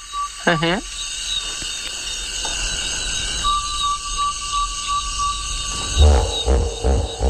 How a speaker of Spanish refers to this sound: Y no había visto hipopótamos, o sí, a mi manera, de oídas. Eso es un trombón de varas.